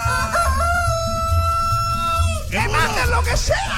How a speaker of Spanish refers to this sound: ¡Felicidades, que le cante gallo a Juancho! Oye, lo que te dice el gallo, Juancho, ¡feliz cumpleaños!